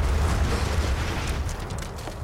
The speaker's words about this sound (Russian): Снаряд падает рядом с казармой.